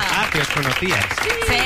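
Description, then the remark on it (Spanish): A crowd applauds steadily and loudly throughout as presenter and science communicator Maya Pisescaya of Zapeando is introduced on a show, a dense wash of clapping with voices calling out and cheering on top of it. “¡Un aplauso!”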